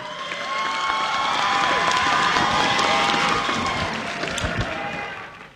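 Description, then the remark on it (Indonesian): A crowd applauds and cheers at the Bintang Piramli 2026 finale night, giving applause to the Sarawak Government and the Sarawak Ministry of Tourism, Creative Industry and Performing Arts. It is a dense wash of clapping with shouts and whoops mixed in, holding steady and loud for several seconds before tapering off at the end. “Apa kata kita beri tepukan sekali lagi untuk Kerajaan Sarawak dan Kementerian Pelancongan Industri Kreatif dan Seni Persembahan Sarawak kerana menjadikan malam kemuncak ini suatu realiti”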